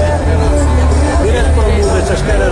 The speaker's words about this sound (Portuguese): Esta cara linda, esta multidão.